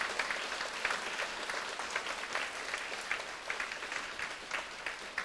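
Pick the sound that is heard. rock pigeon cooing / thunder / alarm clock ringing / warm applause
warm applause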